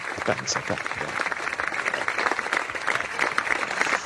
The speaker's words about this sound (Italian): Lo facciamo? Un bel applausetto a distanza,